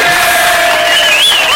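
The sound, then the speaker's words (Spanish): A crowd of supporters from the Tazape farm, backing a candidate for mayor, lets out one loud, sustained shouted cheer, many voices blending into a steady roar with a few higher voices rising and wavering above it. “¡Uy, ay, con grito y todo!”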